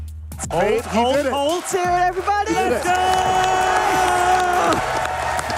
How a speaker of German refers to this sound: Hört mal, wie das Publikum da abgeht.